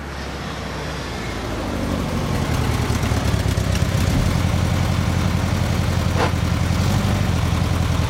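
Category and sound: vehicle, car engine idling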